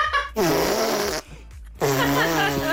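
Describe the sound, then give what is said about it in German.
A young girl blows two loud, buzzy raspberries with her mouth against her arm, each lasting about a second with a short pause between, without talking. “Papa, soll ich mal mit meinem Mund auf den Arm pupsen?”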